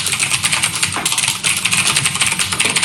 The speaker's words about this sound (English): What? Typing on a computer? That stresses me out. Yeah, it's typing on a mechanical keyboard.